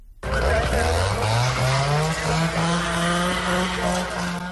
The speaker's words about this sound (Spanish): Por tercera madrugada consecutiva, el sonido de los motosierras y el crepitar del fuego han roto el silencio de la noche en el Valle del Alberche.